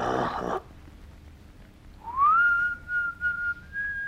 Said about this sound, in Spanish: Tío Juan estaba allí, frente a la ventana, silbando suavemente.